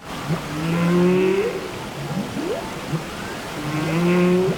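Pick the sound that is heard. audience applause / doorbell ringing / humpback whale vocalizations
humpback whale vocalizations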